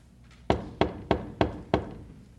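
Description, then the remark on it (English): Five firm knocks on a gate in a steady, evenly spaced run, each a sharp, solid thud with a short decay, and no voices in between. “A poor burdened sinner from the city of destruction knocks.”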